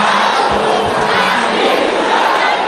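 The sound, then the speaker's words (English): A loud crowd of women shouts together during a prayer, a sustained, roaring wall of voices, dense and unbroken for a few seconds with no single voice standing out. “Sisters, can you shout with fire?”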